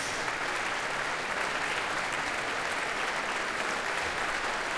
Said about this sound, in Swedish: George Benjamin kommer ut på scenen igen för att ta emot publikens applåder.